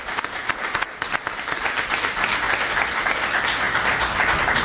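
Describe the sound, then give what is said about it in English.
A crowd applauds steadily, a dense wash of many hands clapping that builds slightly in loudness and holds for several seconds without any voices. “And I want the audience to give a special round of applause for those folks here.”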